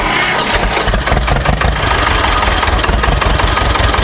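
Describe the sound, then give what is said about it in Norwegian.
A tractor engine idles, a loud, steady diesel rumble with a rapid chugging pulse running throughout, and no voices; one of the tractors brought by Gutum Traktorlag to show how farm tractors have developed. “Nils Martin Grønli fra Gutum Traktorlag hadde med seg noen traktorer da for å vise den store utviklingen som har vært også her.”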